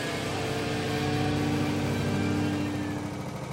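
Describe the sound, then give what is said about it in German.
A small go-kart engine with a fast motor runs continuously, a buzzy, droning hum with a steady pitch and even loudness throughout, with no voices. “Wir haben jetzt auch einen sehr schnellen Motor drauf, das ist einfach sehr cool.”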